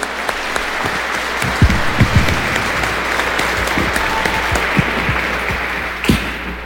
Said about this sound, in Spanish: ¡Que viva la Virgen María! ¡Fuerte los aplausos!